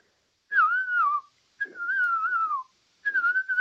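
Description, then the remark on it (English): A person whistles an imitation of a ground cuckoo-shrike call: three sustained, slightly wavering mid-pitched whistles, each around a second long, separated by short pauses. “So give us your best ground cuckoo shrike”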